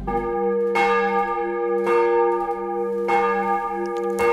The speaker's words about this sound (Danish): Der ringes til morgenandagt fra Vor Frue Kirke i København.